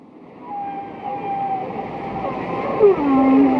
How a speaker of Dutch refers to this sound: Maar eerst gaan we zwemmen met de walvissen, met de mannen van Gojira.